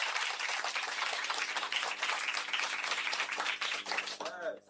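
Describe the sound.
A crowd claps steadily for a correct answer in a maths quiz, a dense, continuous burst of applause that stays loud throughout, with a voice rising briefly near the end.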